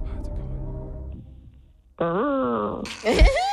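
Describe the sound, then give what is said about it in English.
A parrot imitates a whale call: a soft low moan, then a loud, sustained, wavering harmonic cry that jumps into a higher, squeaky rising-and-falling wail. “What sound does a whale make?”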